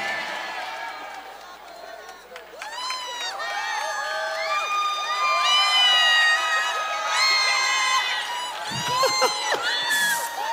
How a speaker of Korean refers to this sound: 아까 그 물 먹을 때 막 박수 나고 함성 나고 수준 높다 그러니까 더 하시는 거죠 지금.